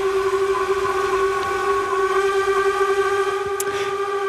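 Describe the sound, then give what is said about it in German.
The horn of the steamship Unterwalden, one of five steamships on Lake Lucerne (Vierwaldstättersee), blows one long, unbroken blast, a loud and steady tone with rich stacked harmonics held for several seconds without pause. No one speaks. “Das ist das Horn vom Dampfschiff Unterwalden.”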